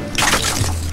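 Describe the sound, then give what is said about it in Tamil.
A short burst of water sloshing and splashing lasts about half a second, then fades into a low, steady hum. “சுத்தி தண்ணி இருக்கிற மாதிரி தெரியுதா?”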